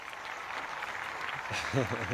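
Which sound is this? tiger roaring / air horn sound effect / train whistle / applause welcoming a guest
applause welcoming a guest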